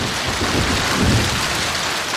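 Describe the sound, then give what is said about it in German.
Heavy rain and hail pour down in a dense, steady roar during a hailstorm over Bülach in the canton of Zurich, shortly after 10 o'clock, with a low rumble of thunder swelling briefly underneath; a continuous storm with no voices. “Es ist kurz nach 10 Uhr, als der Hagelsturm über Bülach zieht.”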